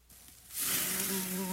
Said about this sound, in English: Look over there. Humans in their yard barbecuing. I see them. Let's buzz over there and have a picnic of our own. Don't become a mosquito's meal at your own cookout.